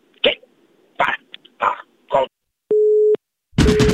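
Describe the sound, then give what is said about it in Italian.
After a few short clattering bursts, like a handset being fumbled and hung up by an old farmer, a single steady mid-pitched telephone tone beeps for about half a second, then a burst of noise cuts in. “Il vecchio contadino bastardo ha chiuso come sempre il telefono”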